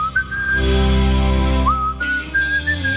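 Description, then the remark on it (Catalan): Someone whistles a slow, sustained rock ballad melody, the pure tone gliding between long held notes over a low, warm backing hum. “Que bé xiulo, eh?”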